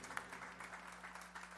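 An audience applauds, a dense, steady wash of many hands clapping at once, fairly soft, with a constant low electrical hum running beneath it and no voices.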